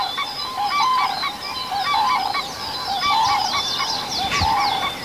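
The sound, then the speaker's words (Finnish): Cranes call again and again in a loud, overlapping chorus of harsh, trumpeting honks and bugles, mid-to-high pitched, continuing throughout with no voices present, in the morning after sunrise by a reedbed and birches. “No niin, kurjet huutaa.”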